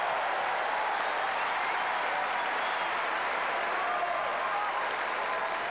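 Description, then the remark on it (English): A large tennis crowd around Number One Court at SW19 applauds and cheers steadily on a Saturday night during a match between Bublik and Tiafoe, a dense, continuous roar of clapping with excited voices mixed in, sustained at full volume throughout without any pause. “Have a listen to the crowd, folks.”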